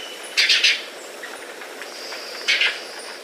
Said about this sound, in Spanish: El trino del guayabero ocre forma parte del Banco de Sonidos de Aves Colombianas, recopilado por el Instituto von Humboldt y la Universidad de Cornell.